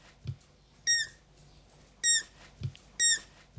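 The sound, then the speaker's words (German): Three shrill, high-pitched squeaks from hungry, hand-reared rescued roe deer fawns, each brief and whistly, spaced roughly a second apart, with a couple of soft low thumps in between and no voices. “Klingt wie eine quietsche Ente, heißt aber Hunger in der Sprache der Kids.”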